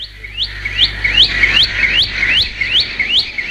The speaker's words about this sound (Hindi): बुलबुल ऊंची आवाज में बोलती है। बुलबुल को हम लोगों से कोई डर नहीं लगता।